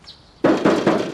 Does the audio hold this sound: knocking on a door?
yes